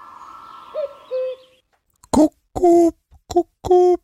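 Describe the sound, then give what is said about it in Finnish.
A cuckoo calls repeatedly, its loud, hollow hooting notes coming in quick succession after a quieter opening with a low hum and a couple of faint tones. No one speaks. “Se oli käkiin muuten.”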